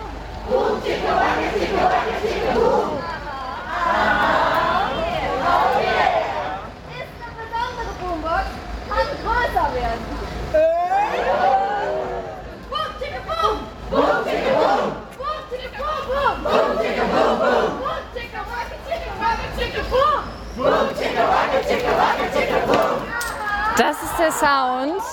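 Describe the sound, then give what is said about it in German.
A lively crowd of protest clowns in colorful clothes and red noses shouts and chants continuously, with many overlapping voices rising and falling in excited, high-pitched bursts, at a road sit-in blockade toward Hochheim in front of police units. “Ihr hört sie hier im Hintergrund, sie machen richtig Stimmung.”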